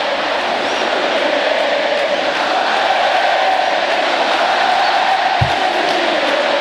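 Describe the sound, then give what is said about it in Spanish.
A large street crowd celebrates Messi, stretching from the Río de la Plata to the Riachuelo, with traffic stopped, in a dense, unbroken roar of cheering and shouting, loud and steady throughout, with a brief low thump near the end. “se paró el tránsito para saludar a Messi. ¡Qué locura!”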